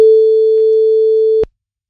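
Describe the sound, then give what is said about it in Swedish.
A single steady telephone ringing tone as the radio morning show Guldmorgon calls a woman who will run Guldkanalen's shopping-cart race, sounds clearly for about a second and a half, then cuts off abruptly into silence. “Och nu ska vi ringa till tjejen då som ska springa det här kundvagnsracet.”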